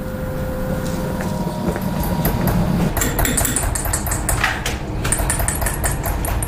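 A steady low mechanical hum runs throughout, and about halfway in a quick series of sharp, clear hammer taps on metal begins, each single strike making a point in the metal, continuing in an irregular, rapid rhythm to the end.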